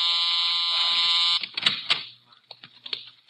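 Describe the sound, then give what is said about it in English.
A loud, steady electric buzz from a button-controlled door release, worked from a desk, drones for over a second, then cuts off into scattered clicks, shuffles and the door opening. “The girl by the desk has to open it. It's button control.”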